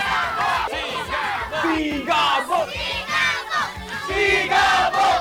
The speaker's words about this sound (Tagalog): Please welcome si Coco Martin. At ang sigaw ng bayan.